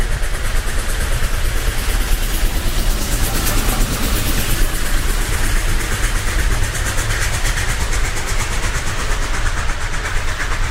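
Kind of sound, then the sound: vehicle, train rumbling past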